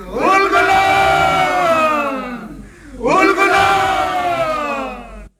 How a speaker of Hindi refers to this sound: उल गुलान, उल गुलान, उल गुलान, उल गुलान, उल गुलान, उल गुलान। मुंडाओं की उल गुलान यानी क्रांति की पुकार से सिंहभूम, चाईबासा और रांची के जंगल गूंज उठे।